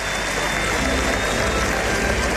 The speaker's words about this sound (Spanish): Hubo pitos para el arrastre del toro y esta ovación que oyen es para Daniel Luque.